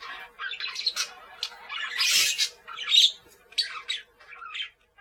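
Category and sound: bird, parakeets squawking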